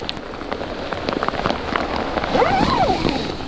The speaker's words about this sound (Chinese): 有的时候下雨下大了，它会把我旁边这个支撑杆给支塌，给刮塌，刮塌了的话它就会进水。